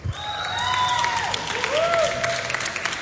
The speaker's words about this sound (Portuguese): palmas para ele!